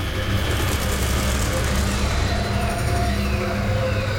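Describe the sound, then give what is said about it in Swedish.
A truck engine rumbles steadily, a deep, continuous motor drone with a low throbbing hum, holding constant loudness throughout as the truck rolls slowly through the narrow alleys around a town square, a scrap dealer and his gang standing on its flatbed. “Genom gränderna runt torget kommer en lastbil åkande.”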